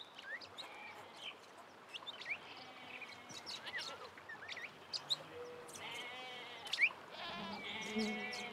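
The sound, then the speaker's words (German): Goats bleat a few times, drawn to lush monsoon-fed greenery on a coast, their wavering calls rising over a steady outdoor backdrop of busy, chirping birds. “Das üppige Grün lockt Ziegen an.”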